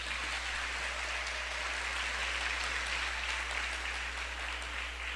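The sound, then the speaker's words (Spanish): Steady, dense applause from a crowd, given for the listeners following live on the Minuto de Dios radio station, a continuous wash of clapping that holds an even loudness for several seconds with no voices over it. “Un aplauso para ellos.”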